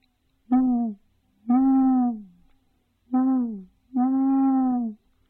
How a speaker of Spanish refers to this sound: Y lo que pasa es que los búhos andan por ahí siempre de noche. En el día se esconden, pero en cuanto oscurece salen al bosque a cazar, con sus poderosos ojos, su finísimo oído y sus alas